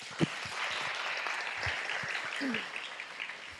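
A crowd applauds steadily to welcome the abbot of the head temple to give an encouraging talk, a dense wash of many hands clapping at once that holds at an even level throughout, with a few faint voices mixed underneath.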